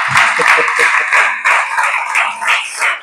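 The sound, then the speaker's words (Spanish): A church audience claps for the Lord during a sermon, steady in a dense, continuous wash of applause, with voices calling out and cheering over it for the whole stretch. “Dale ese aplauso al Señor, venga, hacer algo.”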